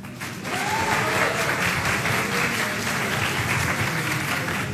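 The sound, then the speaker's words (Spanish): An audience at a live radio program applauds to welcome a high school student, a dense, steady wash of many hands clapping at fairly loud level throughout, with a faint murmur of voices underneath. “Finalmente, quiero que reciban con un fuerte aplauso de bachillerato”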